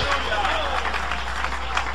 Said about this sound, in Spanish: Dale un aplauso de alabanza al Todopoderoso.